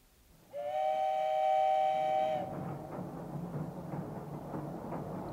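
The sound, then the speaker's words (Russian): A loud steam train whistle blows one sustained chord for about two seconds, then gives way to the steady rumble and rhythmic clatter of wagons rolling along the rails: the 7 o'clock morning train to Moscow. “На другой день с 7-часовым утренним поездом Петька уже ехал в Москву.”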